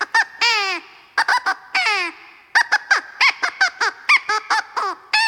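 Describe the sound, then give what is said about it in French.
A crow caws loudly, letting out a rapid string of harsh, honking calls in uneven bursts, some drawn out and some clipped short, with no other sounds around it. “Et toi, grand-père Corbeau, tu sais d'où vient cette jolie plume ?”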